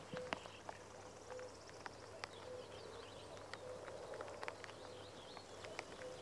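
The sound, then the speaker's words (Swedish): A common cuckoo calls repeatedly at a steady pace on a May morning among flowering marsh marigolds and newly leafed birches, its soft two-note hoots set against outdoor ambience with scattered sharp clicks and taps. “Så att, och göken ropar där bakom dig så att nog känns det som maj i ljudbilden.”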